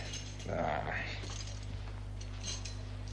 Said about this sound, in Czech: Tady máš ty zatracené klíče.